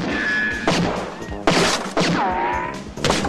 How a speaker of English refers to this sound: Otto shoots his way out of the cupboard.